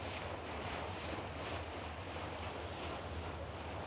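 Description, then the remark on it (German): An excursion boat's engine drones low and steady as it travels on the Elbe river after boarding at Krautsand, beneath continuous rushing water and wind buffeting the microphone, all at an even level with no voices. “Aber wer wie ich kein eigenes Boot hat, kann auf manche Elbinseln eigentlich nur mit dem Teamkicker raufkommen. Deswegen bin ich in Krautsand an Bord gegangen.”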